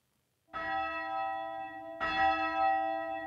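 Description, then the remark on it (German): A church bell in the 20-metre Vika bell tower on the island, now rung by radio control, rings out twice, about one and a half seconds apart, each strike loud and rich with overtones that hum and linger without fully fading before the next. “Früher wurde die Glocke von Hand geläutet.”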